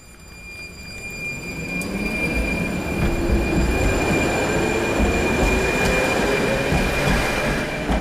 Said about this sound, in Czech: U obratiště tramvaje číslo 3 v Lidových sadech v Liberci jsme právě v tuto chvíli.